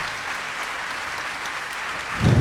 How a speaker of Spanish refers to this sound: Que ese aplauso sea más largo para recibir a un amigo, un musicazo chileno,